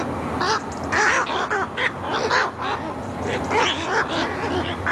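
Harsh, croaking calls from a little egret (Egretta gazetta) repeat in a loose, uneven series, loud, with more croaks overlapping from other birds across the whole stretch.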